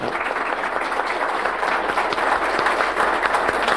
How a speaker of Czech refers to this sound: My ještě to podpoříme potleskem dalším.